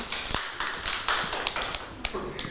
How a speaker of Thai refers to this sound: ยอดเยี่ยมเลยค่ะปรบมือให้